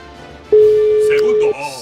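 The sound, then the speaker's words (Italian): A single loud telephone ring tone, one steady electronic beep lasting about a second, with faint voices murmuring before and after it. “Primo squillo.”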